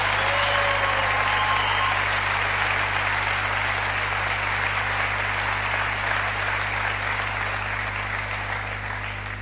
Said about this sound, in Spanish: Un aplauso